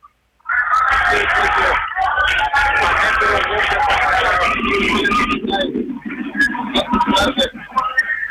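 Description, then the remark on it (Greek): A loud arena crowd of Olympiacos fans at a basketball game roars continuously during free throws, with shrill, piercing whistles cutting through, while a lower, droning boo swells in the second half and sharp whistle bursts keep flaring above it. “Αρχίζουν τα σφυρίγματα και οι αποδοκιμασίες από τον, από τον κόσμο του Ολυμπιακού.”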